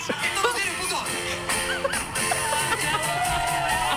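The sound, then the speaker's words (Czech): A large crowd at the karaoke stage at the Colors of Ostrava festival cheers and claps steadily for the whole stretch, a dense loud roar of applause with scattered shouts and whoops rising above it. “Ale slyšíš ten aplaus? Jako ty lidi šíleli, já jsem byla u toho, opravdu šíleli.”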